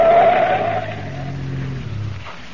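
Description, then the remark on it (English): A car swerves sharply at a curve and cuts off to the side of the road with a loud, drawn-out tire squeal, its engine droning low beneath as the skid tapers off over a couple of seconds; no voices. “I ran at the turn and then cut off to the side of the road.”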